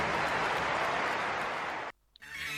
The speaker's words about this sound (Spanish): Se lo quiero agradecer y quiero que le den también un fuerte aplauso a todos.